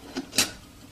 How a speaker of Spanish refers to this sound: Extrae la cafetera de una tetera y lo sirve en una taza que ubica con su mano izquierda. Deja el café en la estufa. Y tapa la tetera.